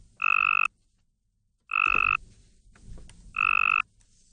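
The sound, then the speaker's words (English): Three loud, buzzy trills of a Cope's gray tree frog's mating call, each about half a second long, separated by brief pauses, with no voices. “To the human ear, not much difference, but to a Cope's gray tree frog, the first one sounds strong.”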